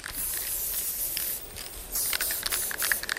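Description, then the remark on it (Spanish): An aerosol spray paint can hisses in steady bursts, with a brief dip around the middle before the spraying resumes, broad and airy, with no voices present. “Cuando coges un spray, pues maravilloso, eras como un superhéroe.”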